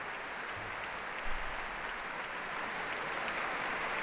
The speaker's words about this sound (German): Großen Beifall gibt es hier in der Elbphilharmonie.